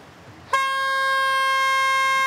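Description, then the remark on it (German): A loud, sustained warning horn blast starts abruptly after a brief quiet moment and holds a steady, harmonic-rich tone to the end, unbroken. “Tröte? Tröte?”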